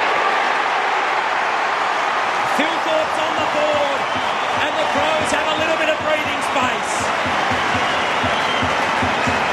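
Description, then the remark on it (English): A huge stadium crowd roars loudly and continuously throughout, a dense wall of cheering with faint voices and a steady run of low thumps buried underneath, as Riley Filthorpe kicks a goal from 45 metres out at a slight angle. “It'll be the biggest roar of the day if he can kick it. Crowd will tell you.”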